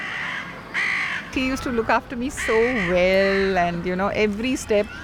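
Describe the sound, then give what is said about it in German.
Crows caw repeatedly in the background in a harsh, rasping series, the calls coming in quick irregular bursts that sound fairly loud, with some overlapping one another. “Man achte bei den folgenden Aufnahmen auf die Krähen im Hintergrund.”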